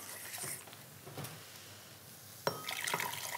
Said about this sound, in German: So, wenn das jetzt hier so das erste Mal aufploppt, dann gebe ich einen Teil von der heißen Flüssigkeit noch mal in die Stärke. Mhm. Können die sich noch mal so ein bisschen angleichen.